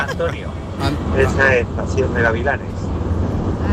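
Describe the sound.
A steady low rumble of a car engine fills a narrow, phone-quality line, with a person talking over the constant drone throughout.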